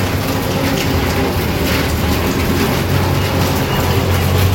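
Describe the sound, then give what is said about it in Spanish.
Steady, dense rain hisses without pause, with a low rumbling hum running underneath. No voices are heard. “Lluvia.”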